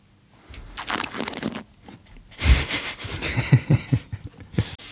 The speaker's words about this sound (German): Und naja, was man dann noch machen kann, ist der Schritt, den wir vom Sebi auch gelernt haben, das Schlürfen. Vielleicht, ja, sehr wichtig. Können wir das hier nochmal, ja, vormachen?